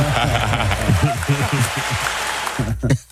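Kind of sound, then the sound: crowd, clapping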